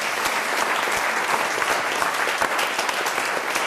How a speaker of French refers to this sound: Bravo, madame! Ah, bravo, ben on oui. applaudit, on applaudit, madame. Bravo!